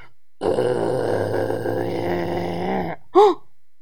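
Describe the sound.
A long, deep, rumbling burp sounds out for over two seconds, with a gravelly, steady tone, like a voice imitating a giant whale burp. A short, higher, swooping vocal squeak follows.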